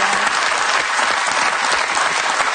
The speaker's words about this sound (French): Puis, je sais qu'il y a des jeunes femmes qui vous regardent et qui vous applaudissent. Comme ça.